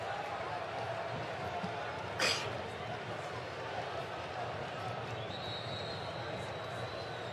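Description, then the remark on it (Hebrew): A large football stadium crowd applauds steadily, a dense, continuous wash of clapping and cheering with one brief sharper burst, as Azoulay receives applause while taking a corner kick for Maccabi Haifa. “לזכות מכבי חיפה, אזולאי מקבל את מחיאות הכפיים.”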